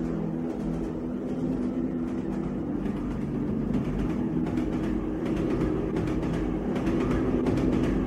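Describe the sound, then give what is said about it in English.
A train rumbles steadily with a deep, droning hum and faint rattling, the noise holding loud and continuous throughout as it rolls toward a stop, with no voices. “It is now safe to depart the train.”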